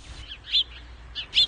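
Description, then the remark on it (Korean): Short, bright bird chirps come in a few quick bursts outside a temple, with light gaps between them over a quiet outdoor background; no one speaks. “절 밖에는 새소리가 들려왔고 꽃과 나무가 무성했다.”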